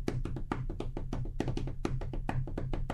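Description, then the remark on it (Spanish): A rapid, uneven run of hard taps and thumps, struck by hand by a radio host on Cadena 3 Argentina to imitate a bombo drum roll and solo, with dense strokes and accented hits over a low steady hum. “Y ahí le hago un repique, un solo de bombo, escuche.”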